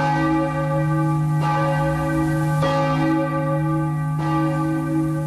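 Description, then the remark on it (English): A large, deep bell, the Liberty Bell at Philadelphia, tolls several times at a slow, uneven pace, each loud strike blooming into a long resonant hum that overlaps the next, with no voices present. “America's founders sounded the Liberty Bell at Philadelphia to let freedom ring.”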